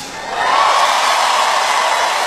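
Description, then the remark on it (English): An audience in Houston, Texas cheers and shouts in a dense, continuous roar that swells after a brief moment and holds steady at a loud level throughout, with no single voice standing out. “Don't cheer.”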